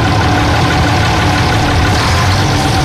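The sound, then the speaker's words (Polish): A Bizon combine harvester's engine drones steadily and loudly, a continuous rumbling idle with low throbbing tones and a rough, knocking texture, with no voices over it. “Jeśli chodzi o Bizona, no to tutaj prędkościowo mamy 15 do 27 nawet na godzinę.”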